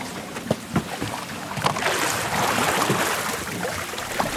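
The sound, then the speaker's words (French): A boat is poled along a river with a pole of about 3-4 metres pushed against the riverbed, sharp knocks and splashes early on giving way to a steady wash of moving water and faint creaks, no voices. “C'est avec ça qu'on navigue le bateau, qu'on se déplace. On touche le fond de la rivière et on pousse.”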